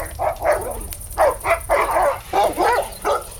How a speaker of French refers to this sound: Mais soudain, un chien qui grogne en approchant vers vous.